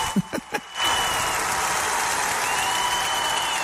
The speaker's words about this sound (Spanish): Esos aplausos que oyen no son del estadio, por cierto.